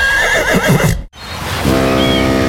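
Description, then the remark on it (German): A horse whinnies loudly and shrilly, breaking off abruptly into a brief silence, followed by a steady, dense noise with a faint tonal hum; no one speaks. “Das wilde Ross scheint alle abzuhängen.”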